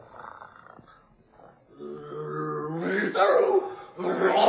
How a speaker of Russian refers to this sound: Тигрица! Тигрица! Тигрица! Сейчас она съест мальчишку, а потом меня.